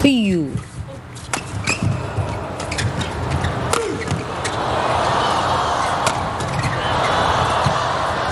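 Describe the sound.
A badminton rally: several sharp racket-on-shuttlecock smacks at irregular intervals as the defence returns the opponent's downward smashes, including three in a row by Huang Zongping. The smacks ring out over a steady arena crowd murmur, with a voice audible near the start.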